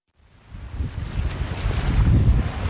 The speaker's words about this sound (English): Ah, summer on Cape Cod. Sun, ocean breezes, and plenty of waves.